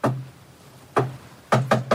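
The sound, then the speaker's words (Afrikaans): Knocking on a wooden office door: a single knock, a pause, another knock, then three quick raps in a row. Solid and fairly loud, with nobody talking. “Klop, Janu.”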